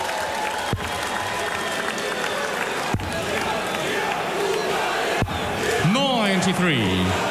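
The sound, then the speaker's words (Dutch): A large crowd of Hungarian darts fans at a darts match cheers and roars continuously, with a few sharp thuds cutting through, then a loud sung chant swells up near the end. “Oeh, er is flink wat Hongaars volk meegekomen.”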